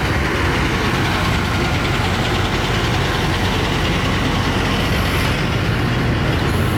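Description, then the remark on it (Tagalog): A beach bus engine idles steadily while parked inside a town square, a continuous low rumble with a faint mechanical knock running through the whole stretch, with no voices over it. “Dito sa loob ng Town Square, nandito rin yung beach bus.”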